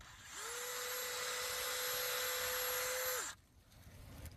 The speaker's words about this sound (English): Drill that hole. Okay. And I just drilled a hole in the birch, just go in an inch or so, and I put a piece of plastic tubing that I'm my own invention of putting it in the tree and then into the jug.